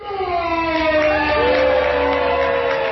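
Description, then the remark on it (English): A crowd at the Food and Wine Classic in Aspen cheers and whoops loudly and steadily for a few seconds during a World Cup-style wine match, sustained voices rising and falling in pitch and overlapping into a continuous roar; the level of cheering decides which wine moves forward. “The level of cheers from the crowd determined which wine would move forward to semifinals and finals.”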